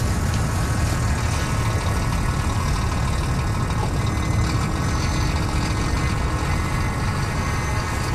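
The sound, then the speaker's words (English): A steady, low rumble of idling heavy truck engines holds at an even level throughout, a continuous mechanical drone with a faint higher hiss, in an industrial, built-up part of Sydney among car parks, trucks and building supply sites. “In this industrial and built-up bit of Sydney, right near a rugby station and a road named after Captain Cook, in between car parks and trucks and building supply sites, there were toads.”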